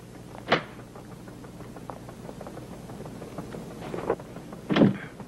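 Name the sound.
door being locked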